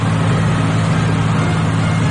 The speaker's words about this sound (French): Ah, le bateau s'approche.